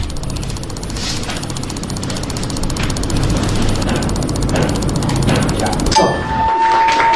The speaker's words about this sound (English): You know, it didn't even sound real, right? It sounds like a computer doing this. But that's him clicking on his mouse 760 times in 1 minute.